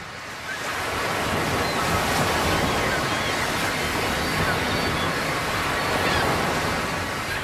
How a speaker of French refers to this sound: Je me rappelle le sable, la plage, l'eau, les vagues incroyables. Oui, surtout ce murmure incessant.